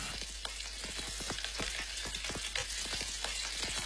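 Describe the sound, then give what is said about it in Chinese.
Batter-coated chicken pieces sizzle steadily as they pan-fry in hot oil and turn slightly golden, a dense crackle with sharp pops scattered throughout and no voices. “鸡块在热力的烘托下逐渐呈现出微黄，鸡肉的鲜香被锁住”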